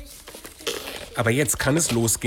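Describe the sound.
Close, brisk crinkling and tearing of paper for about a second, followed by a voice speaking while faint rustling continues underneath.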